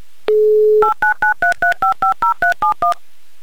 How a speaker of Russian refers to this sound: Но пока вы это делаете, я наберу номер телефона Виктории и позвоню вам.